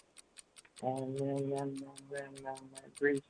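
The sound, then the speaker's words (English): A stop clock ticks in a fast, even rhythm throughout, clear, timing a 60-second quiz round of six questions, while a voice speaks over most of it. “I've got the stop clock, and here we go.”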